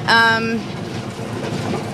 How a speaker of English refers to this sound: Yes, yeah, so I can hear something coming up yes, now. That is a warrant. No, that's the traction engine.